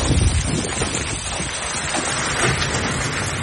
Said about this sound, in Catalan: Al Solsonès, segons el Servei Meteorològic, va caure aquesta pedregada que sentim ara mateix, pedres de fins a 5 centímetres de diàmetre.